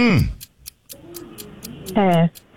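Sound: ticking clock timer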